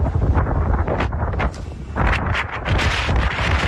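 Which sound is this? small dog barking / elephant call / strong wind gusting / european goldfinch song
strong wind gusting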